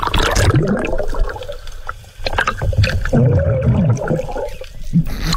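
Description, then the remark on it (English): Muffled underwater churning and bubbling fill the scene, broken by a few sudden dull thumps as a sea turtle slaps a diver underwater. “he had a bit of a run-in with a sea turtle”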